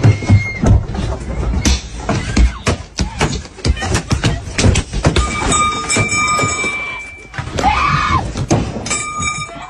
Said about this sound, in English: A couple of them even have pipes in their hand. They started beating on the car. Because there's video, I have the audio. And this is what it sounded like.